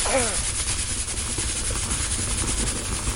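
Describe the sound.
A pressure cooker vents steam as the water heated inside escapes, a loud, steady hiss with a low rumbling undertone that holds unbroken for about three seconds, with a brief trace of a voice at the very start.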